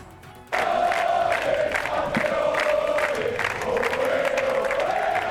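A huge crowd in the streets of Madrid, put at 2 million people by the Government Delegation, bursts into loud, sustained cheering and shouting for the world champion national team riding an open-top bus, after a brief quieter moment, the mass of voices merging into one steady roar that holds throughout.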